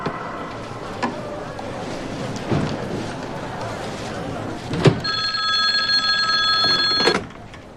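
Over a steady hiss of telephone line noise, a few sharp clicks sound, then a steady, bright ringing tone holds for about two seconds before a final click cuts it off as the call through Beijing connects.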